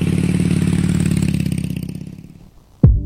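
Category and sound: vehicle, motorcycle engine revving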